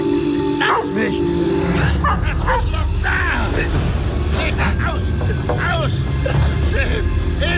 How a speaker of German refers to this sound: Das Schreien und Bellen kam von dem unbebauten großen Grundstück, welches zwischen meinem Haus und dem weiträumigen Grundstück